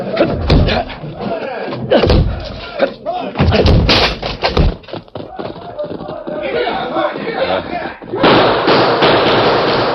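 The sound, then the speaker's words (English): A locked door is battered with a series of loud, heavy thuds and splintering crashes, irregular blows over several seconds, with voices and commotion around them. “Locked. We'll have to break it.”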